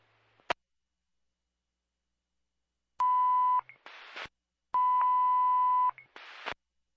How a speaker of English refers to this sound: You stand by Baker's Mill Fire for a tone message.